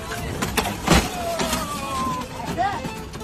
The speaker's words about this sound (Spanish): Se bajó del auto encendido y no se molestó por ponerlo en parking. Ahora el auto sacó sus caballos de fuerza salvajes y desbocados, causando caos en el barrio.